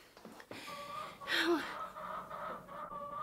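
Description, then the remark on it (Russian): A chicken lets out a short, squawky cluck near the middle, moderately loud, over a steady indoor background hum with no talking. “Ишь ты, курица.”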